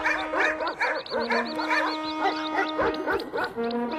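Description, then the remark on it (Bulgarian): Several dogs leap out of a thicket by a cave, barking and yelping over one another in a dense, continuous clamor, loud, with no pauses, as they run back and forth. “Изведнъж от храсталака изскочи едно куче. След него друго, после трето, те лаяха силно, бягаха назад и се връщаха.”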